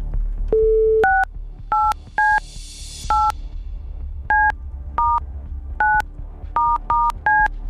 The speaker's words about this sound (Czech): Hoď mi to taky, ať to vím i já, protože budu vytáčet telefonní číslo, ze kterého tahle ta SMSka s žádostí o proplacení účtenky přišla.